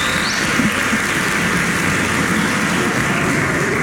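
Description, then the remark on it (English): A church audience claps together on Father's Day morning, a dense, steady wash of many hands that holds at an even loudness for a few seconds without rising or fading, with no voices standing out, as the fathers present clap for each other. “So let's sort of clap for each other right now.”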